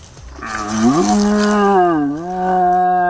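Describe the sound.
Croatia's champion stag caller blows a horn to imitate a young red deer stag's roar: one long, deep, moaning bellow that swells, rises in pitch, dips, then climbs again, loud and alone for about three seconds.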